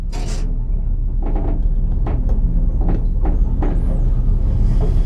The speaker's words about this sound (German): Auf einmal, mit einem festen Ruck, geht die Tür vom Lift zu. Und er setzt sich in Bewegung. Abwärts.